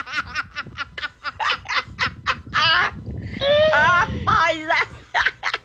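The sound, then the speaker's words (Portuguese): A run of quick, choppy squawking or cackling bursts is followed by a loud, drawn-out crow from an old rooster with a falling pitch, then a few more sharp calls. The sound is clear. “O galo é tipo esse galo do Haroldo aí.”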